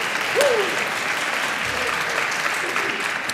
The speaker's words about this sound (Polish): Ja nad tym tak dumałem i w końcu dopiero po 2,5 roku bodaj, przy pomocy kolegi tu siedzącego, kompozytora, zadanie rozwiązałem w sposób, o, widzisz to, brawa dla kolegi.